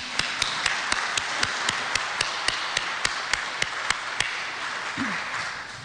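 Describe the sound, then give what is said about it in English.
A crowd breaks into steady applause for a group of young people and the adults who went with them, a dense wash of clapping with one set of sharp, evenly spaced claps cutting through on top, holding its level before easing slightly at the end. “So I think we all need to give them a round of applause.”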